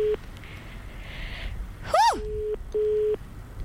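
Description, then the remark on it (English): A telephone ringback tone on a phone line while dialing a person who sent in a photo, to give them a prize: a steady, low electronic tone repeating in short bursts with pauses, interrupted once by a quick warbling swoop. No one speaks. “Oh, it's ringing. I hope he answers.”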